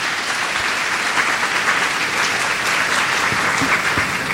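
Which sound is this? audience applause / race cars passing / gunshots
audience applause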